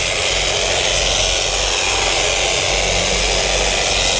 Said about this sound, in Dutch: Het is belangrijk dat je het scheerapparaat zo vast houdt. Heel lach. Heel zachtjes. Het blad zo op zijn buik laat rusten. Dat kun je ook gerust eerst proberen. Ja. En dan langzaam zo van voor naar achter.